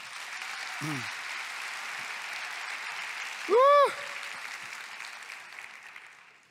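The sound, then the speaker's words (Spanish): An audience applauds the Lord with steady, dense clapping throughout, while a short low vocal sound appears early and a loud rising-and-falling cheer or whoop cuts through midway. “Aplausos al Señor.”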